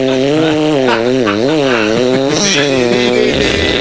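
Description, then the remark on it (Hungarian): A voice imitates a saw with a loud, continuous buzzing drone, its pitch wavering up and down in repeated sweeps for about four seconds without a break. “Ez a fűrész, amit nem hasonlít valamilyen, tudod, amikor ilyen gőzborotvaként ülsz le a vécére, és ilyen, tehát, mutatom a fűrész hangot, figyeld?”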